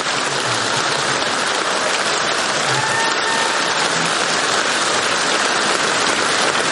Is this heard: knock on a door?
no